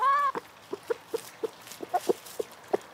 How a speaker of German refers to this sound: Seitdem leben nur noch 11 Hühner im Garten, beschützt von einem Zaun und Hahn Gustav.